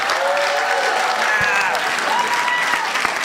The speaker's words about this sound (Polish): Szanowni Państwo, oto on, nie będzie śpiewał. Piotr Szumowski, wielkie brawa!